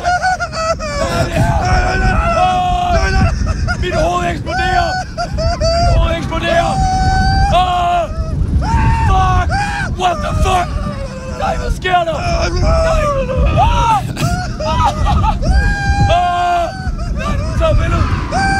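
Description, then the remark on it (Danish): A crowd of riders screams on the Phoenix roller coaster at Fårup Sommerland, many high, overlapping shrieks rising and falling loudly and continuously over a rumbling, noisy background for the whole stretch. “Det er helt vildt så forskellige skrig.”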